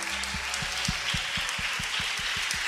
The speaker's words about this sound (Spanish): A ver, los pentecostales que aplaudan y glorifican a Dios.